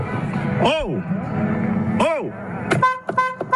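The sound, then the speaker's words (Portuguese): A car horn honks in several short, closely spaced loud bursts near the end, following two rising-and-falling vocal-like calls over steady street noise. “Carro, eu tô aqui na porta, o segurança não quer abrir a porta, peraí.”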